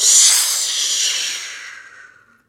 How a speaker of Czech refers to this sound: Ještě však z dohledu neodběhl, když se za ním ozval táhlý, pronikavý hvist.